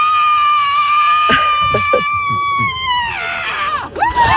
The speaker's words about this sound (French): Ils ont mesuré cela la puissance de leur cri. La gagnante, je vais vous faire écouter, ne bougez pas, a hurlé à 121 décibels, soit autant qu'un marteau-piqueur. Oh, tendez bien l'oreille, c'était ça.